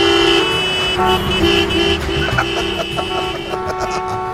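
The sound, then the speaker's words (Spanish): Several car horns blare in overlapping, sustained honks over a dense rumble of idling traffic, loud, in a traffic jam in Málaga between La Malagueta's Plaza Toro and the city hall, like a gridlocked street full of impatient drivers. “Pues escucha, aquí yo me he equivocado y yo me venía aquí a la Malaguera, a Plaza Toro, y por lo visto están ahora ahí por el ayuntamiento, porque me pilla a mí nomás por el culo, cogió el coche, y aquí estoy en medio de un atasco, aquí yo.”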